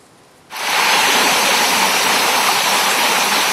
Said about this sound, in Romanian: Dezastrul ecologic de la marginea orașului Târgu Jiu durează de zile bune. Apa provenită de la una dintre stațiile de epurare din municipiul Târgu Jiu ajunge direct în râul Jiu